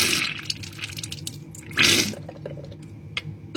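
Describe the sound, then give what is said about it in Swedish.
A nasal rinser squirts lukewarm saltwater up a person's left nostril as they lean over the sink at home: a wet, hissing trickle, then a louder gush splashes down, followed by scattered drips and small splashes into the sink. No one speaks. “Upp i min vänstra näsborre sprutar jag ljummet saltvatten.”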